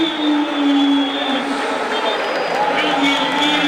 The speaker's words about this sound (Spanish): Se va Ronaldo, escucha la ovación.